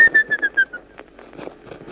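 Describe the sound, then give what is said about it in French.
A person whistles a birdlike call: about five quick, chirping pulses on a high, slightly falling pitch, clear, then it fades into faint background noise. “On t'écoute, hein. Tu siffles bien, lui.”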